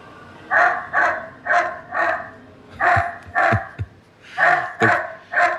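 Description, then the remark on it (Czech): Recorded dog barking played back by the M20 autonomous security robot dog, about ten loud, evenly paced barks in three quick bursts with short pauses between them, and no one talking. “My víme, že umí i štěkat. Teď si to můžeme poslechnout.”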